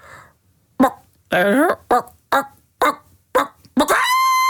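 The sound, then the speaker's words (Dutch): A person's voice imitates a hen's 'I've laid an egg' cackle: low, staccato calls in a string of about seven short, clipped bursts at an uneven pace, one slightly drawn out, ending in a steady held tone. “Dus het zijn een aantal lage staccato kakeltjes. Dus. Drie of meer.”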